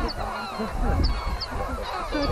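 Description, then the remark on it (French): A dense chorus of lesser black-backed and herring gull calls, many birds overlapping in loud, harsh cries and yelps that run continuously, with no voices. “Les goélands bruns et argentés globalement attaquent plutôt entre guillemets à coups de fiente.”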